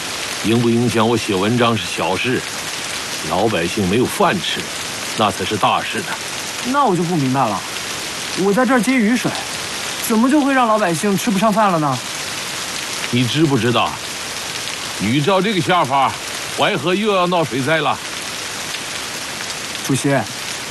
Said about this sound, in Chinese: 天上下雨，地下滑，老年房子要趴下。